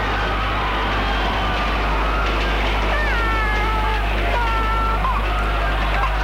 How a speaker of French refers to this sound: Un petit bébé dont la mère vient d'être tuée pleure. Il est sur la chaussée. C'est l'horreur. Oui, c'est l'horreur. Le petit bébé est près de sa mère,